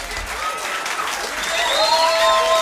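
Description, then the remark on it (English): Steady audience applause for the band, a dense wash of clapping that swells slightly louder toward the end, with a few high whistles or cheers rising over it. “Let's give the band a nice round of applause, this wonderful band.”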